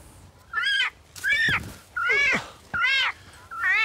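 A peacock caught in a trap screams in loud, repeated calls, five piercing, wavering cries spaced about half a second apart, each harsh and nasal with a rising-falling pitch. No one speaks.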